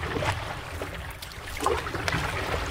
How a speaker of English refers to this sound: There's this fella, he was out paddleboarding. And just in case you don't know what paddleboarding sounds like, this.